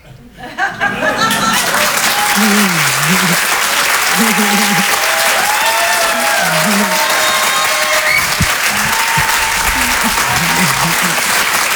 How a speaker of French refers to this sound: On peut l'applaudir très fort, elle aussi